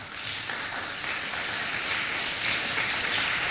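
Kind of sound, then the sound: crowd, audience applause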